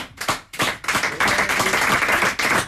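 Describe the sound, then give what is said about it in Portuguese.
An audience breaks into applause for Portuguese guitar player João Vaz at a Ribatejo tertúlia, starting with a few scattered claps that quickly swell into a dense, steady wash of clapping, fairly loud, with no talking. “Temos a guitarra portuguesa ao João Vaz, para que eu peço mais uma salva de palmas, nunca é demais.”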